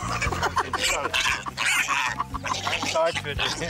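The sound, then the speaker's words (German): A pet wild boar named Fridolin grunts and snorts in a rough, continuous run of low, throaty noises, fairly loud, with people talking at the same time. “Feierabend für das wilde Schwein.”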